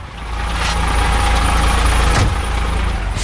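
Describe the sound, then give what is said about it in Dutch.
A transport company's truck engine idles, a steady low rumble with a broad mechanical hum that holds constant throughout, with no voices over it. “En die zit hier in de vrachtwagen.”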